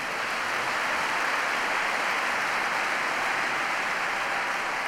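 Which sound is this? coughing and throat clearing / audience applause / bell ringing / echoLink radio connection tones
audience applause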